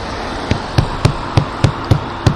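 Someone pounds on a locked door with about seven heavy, thudding blows in quick, steady succession, loud, with no voices alongside; the pounding gets no response.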